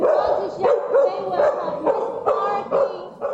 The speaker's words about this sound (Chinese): 好，再来，我们狗狗的话，即使它没办法跟人对话，所以它遇到受困者的话，它用吠叫方式表达它已经找到的受困者。